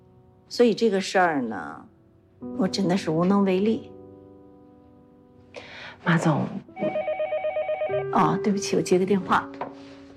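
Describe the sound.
People talk, then a phone starts ringing with a bright, pulsing electronic ringtone of steady repeated tones. It keeps going as the talking resumes over it, and someone excuses themselves to answer the call.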